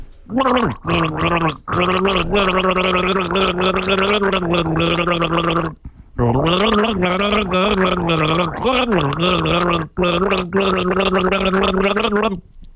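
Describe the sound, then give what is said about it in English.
A man gargles water while voicing a band's song for listeners to guess, producing a loud, bubbling, pitched warble that holds and shifts notes, with a few brief pauses for breath between phrases. “He's going to gargle a song”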